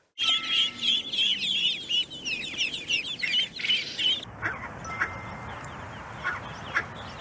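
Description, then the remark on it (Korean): A busy chorus of high, rapid duckling peeps overlaps for several seconds, then after an abrupt cut, scattered lower duck calls sound at intervals, clear with no talking. “그래서 예를 들어서 그 오리 소리 혹시 아시죠?”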